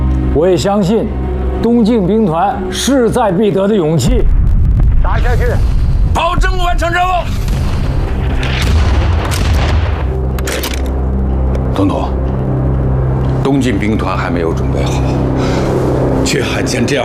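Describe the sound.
Deep, heavy cannon booms roll out in a series of loud blasts, with rumbling low-end between them; a man's voice talks over the opening moments before the artillery dominates. The artillery fire opens an offensive launched ahead of schedule to take Tashan.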